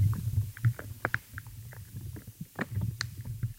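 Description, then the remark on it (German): Faint, irregular pops and tiny crunching clicks of life in the soil, scattered over a low, rumbling murmur, with small bursts of crackle rising and fading at uneven intervals. “Also mal hat man ein kleines Ploppen, mal ein Knurpseln.”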